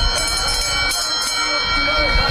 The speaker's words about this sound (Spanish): Y con el sonido de esa campana arranca la mejor carrera de todas, el Gran Premio de Sanlúcar. Por delante, 2 kilómetros de carrera desde Bajo de Guía hasta este recinto de llegadas de la playa de Las Piletas.